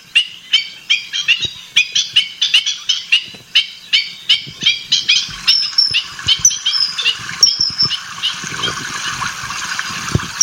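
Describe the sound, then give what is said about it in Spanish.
A kingfisher calls in a fast series of harsh, repeated squawking notes, loud, then shifts to sharper high whistles over a soft watery background hiss. “¿Y este es el martín pescador?”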